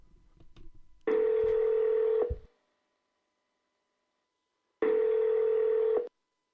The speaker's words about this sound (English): Hang on a second, just gotta get the phone. Hang on.